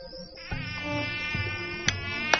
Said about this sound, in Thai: รำคาญยุงพวกนี้จริงๆเลยเฮ้ย เวลานี้ยุงมันเริ่มออกหากินแล้วครับนายช่างพักเนี้ยแถวหมู่บ้านเราอะยุงชุมมากเลยสงสัยเป็นเพราะมีน้ำขังแถวหมู่บ้านเยอะ เมื่อถูกฝูงยุงรังควานมากๆกลุ่มช่างไม้ก็หมดความอดทนและงานที่ทำมาตบยุงกันวุ่นวายไปหมด